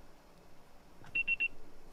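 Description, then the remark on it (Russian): A voicemail beep: three short, high-pitched electronic tones in rapid succession, clear and steady, sounding over faint background hiss with no talking. “Можете оставить сообщение после сигнала.”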